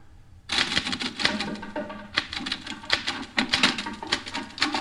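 Rapid mechanical typewriter keystrokes clatter in an uneven, busy rhythm, fairly loud, with sharp bright clicks starting after a brief quiet moment and continuing throughout.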